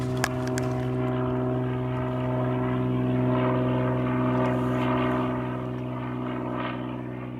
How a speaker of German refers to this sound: wir schreiben einmal auf, wo der Flieger ungefähr lang fliegt